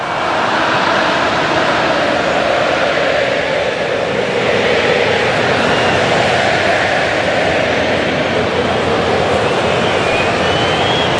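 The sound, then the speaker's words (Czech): A huge crowd of Mexican football fans at Estadio Azteca in Mexico City sings and chants together in a steady, loud, roaring mass of voices that holds for the whole stretch without any single voice standing out, as Mexico lead South Africa 2-0 in the 82nd minute. “Čujete pjesmu meksičkih navijača, malo ću ja evo sada utihnuti.”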